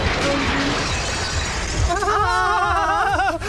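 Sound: glass or crockery shattering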